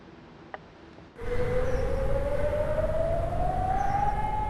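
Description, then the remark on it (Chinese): An air raid siren in Ignalina, Lithuania, near the Belarus border, sounded after two drones entered the airspace, starts abruptly after a brief quiet moment, holding a loud, steady wailing tone that slowly rises in pitch, with no voices present. “在立陶宛接壤白俄罗斯的伊格纳利纳，当局发现有2架无人机入侵领空，于是拉响防空警报，警告居民要马上进入室内躲避。”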